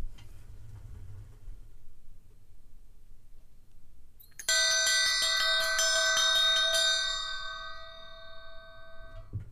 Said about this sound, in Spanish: Hemos escuchado tres campanas y ahora voy a hacer sonar una.